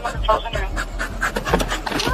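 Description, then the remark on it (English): An overheated dog pants quickly and steadily with police officers, short breathy puffs repeating in a fast rhythm and faint background noise throughout. “Officers gave the dog over a liter of water, come here.”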